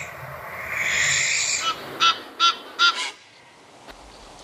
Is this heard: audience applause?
no